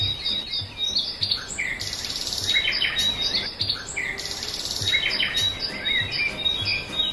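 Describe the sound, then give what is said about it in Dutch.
A dense dawn chorus of many birds singing at once, overlapping chirps, trills and whistles filling the air continuously at moderate volume, with no voices. “En ik ben verwelkomd door het gezang van misschien wel duizenden vogels.”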